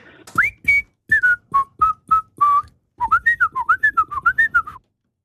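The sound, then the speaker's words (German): A person whistles the melody of a late-1960s pop song that was a number one hit in the Swiss charts, deliberately not quite correctly, first in short detached notes, then a quicker run of rising and falling notes, clear. “Ich habe allerdings die Person, die pfeift, angehalten, möglichst nicht so korrekt zu pfeifen, wie sonst es einfach wäre, gell?”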